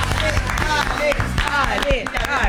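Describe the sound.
A burst of steady clapping from a small group, dense and continuous for a couple of seconds, with voices calling out and chattering over it.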